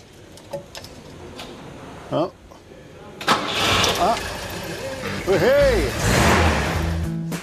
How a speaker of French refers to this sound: Même la pression d'huile est correcte. Fabuleux. Le solide moteur de la Volvo a démarré du premier coup.